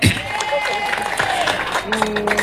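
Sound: audience applauding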